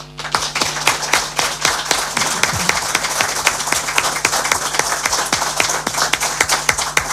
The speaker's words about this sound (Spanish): Pues yo diría un aplauso para Eliseo Izquierdo.